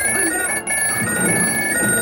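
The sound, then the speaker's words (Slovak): A telephone rings continuously with a bright, steady electronic bell tone, loud, briefly cutting out for an instant before resuming. “A vieš ty čo, telefón? Ja ťa nechám ležať a zodvihnem iba slúchadlo.”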